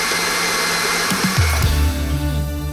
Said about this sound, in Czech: Tak a teď to dáme do mixeru. Metlu přidáme a šleháme jednu minutu pěkně do hladka.